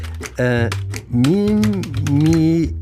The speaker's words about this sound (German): Moment, hier die Tastatur. Tippe ich das mal ein.